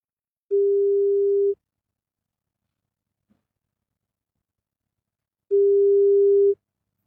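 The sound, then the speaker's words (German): A telephone ringback tone on an outgoing call from the 98.6 Charivari radio studio to a listener: two steady, mid-pitched beeps about a second long each, separated by several seconds of silence, with no one talking. “Ja, mal schauen, wen wir jetzt haben. Ich klingel mal durch.”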